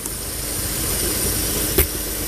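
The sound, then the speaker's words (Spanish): A truck engine runs steadily with a continuous low rumble and broad hiss, with one brief sharp knock near the end and no voices. One of two trucks distributing water tanks in Villa Los Robles, moving to other points of an area affected by a drinking water outage. “Por ahora nos encontramos aquí en Villa Los Robles y obviamente estos dos camiones que andan distribuyendo estos estanques continúan movilizándose a otros puntos de la zona afectada por el corte de agua potable.”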